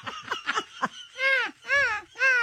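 A voice imitates a seagull: a few quick, choppy yelps, then three drawn-out, wavering wailing cries in steady succession, fairly loud.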